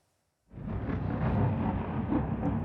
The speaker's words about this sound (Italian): Improvvisi lampi di luce squarciano il cielo di Kiev, seguiti dal boato delle esplosioni mentre alte colonne di fumo sovrastano lo skyline della capitale.